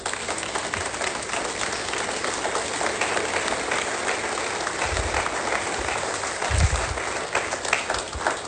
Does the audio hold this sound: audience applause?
yes